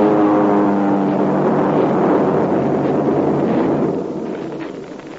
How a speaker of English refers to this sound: Two engines, twin skins and rudders. The wings sweep back to small tips. Right. Yeah, it's a group of Mitsubishi heavy bombing monoplanes.